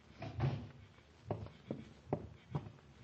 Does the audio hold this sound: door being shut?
yes